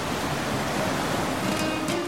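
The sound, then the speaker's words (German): A steady, broad rush of Red Sea water off Egypt, heard from a boat heading to a dive site, fills the whole stretch, fairly loud, with a constant hissing wash and no distinct breaks between waves. No voices are present. “Ich hoffe, ich erzeuge damit bunte Bilder im Kopf, wenn ich euch erzähle, dass ich auf einem schönen Boot sitze, in das blaue Meer schaue, im Hintergrund das Rauschen des Meeres zu hören ist.”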